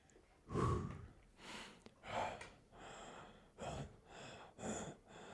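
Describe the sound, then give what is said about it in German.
Heavy, puffing breaths from a person who is about to get on a bicycle, about six forceful exhales and inhales in a steady rhythm, some with a throaty snort-like edge, with no talking. “Wieso schnaufst du jetzt so?”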